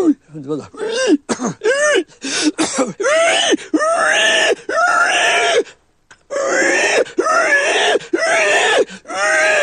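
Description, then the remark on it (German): A person vocally imitates a dying pig squealing, produced from the larynx, a string of loud, strained, high-pitched shrieks and grunting wails in repeated bursts with one brief pause midway. “Das ist die sterbende Sau.”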